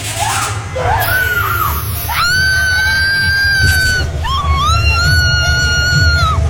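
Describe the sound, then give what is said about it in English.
A woman lets out long, piercing screams in the Duchess Manor haunted house at the Arboretum of South Barrington, amid strobe lights, several sustained wails rising and falling over a steady low rumble and murmur of background noise, loud. “The same scream every year”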